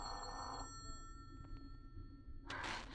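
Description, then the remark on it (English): A telephone rings in two bursts separated by a long pause, the bright bell tone standing out clearly over a low, steady background rumble. “Answer the phone, Ruth.”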